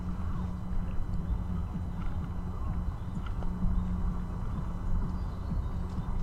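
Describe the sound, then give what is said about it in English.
Many boats passing on a river make a steady, low engine rumble with a faint hum. It churns on continuously at a moderate level, with small taps and clatters scattered over it and no one talking. “So we're kind of, with our setup here, we're kind of caught in between a path with joggers and bikers and walkers and the river with many boats.”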